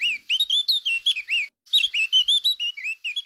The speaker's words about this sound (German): Das ist die Mönchsgrasmücke. Das ist die Vogelart, die in der Schweiz seit Neuem am häufigsten brütet.